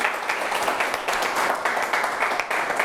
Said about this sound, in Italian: Matteo Campora, non ti vedo, eccoci qua, consigliere regionale, lo facciamo venire, gli facciamo anche a lui un applauso.